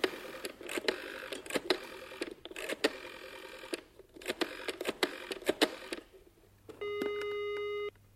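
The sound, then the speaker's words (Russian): A telephone being dialed to call Graves: a run of sharp, irregular clicks for several seconds, then a steady buzzing ring tone in the earpiece. Fairly quiet, with no one speaking. “Вот что, позвони Грейвзу.”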